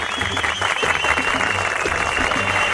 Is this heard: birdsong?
no